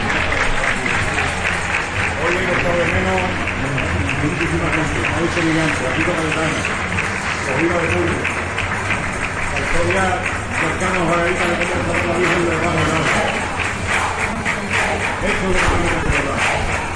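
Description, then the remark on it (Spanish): A crowd claps steadily, the dense rapid patter of many hands running for the whole stretch, mixed with voices calling out and chanting over it at a fairly loud, constant level, at the crowded doors of the Santo Domingo de Guzmán parish church, heard from inside the church. “que se abran las puertas de esta parroquia Santo Domingo de Guzmán, unas puertas que se escuchan desde el interior, completamente abarrotadas de palmas de canto,”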